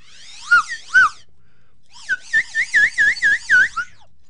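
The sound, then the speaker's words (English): A new slide whistle plays two short gliding toots, a pause, then a quick run of about eight warbling notes that swoop up and down in pitch, fairly loud and shrill with no talking. “and I also have a new slide whistle”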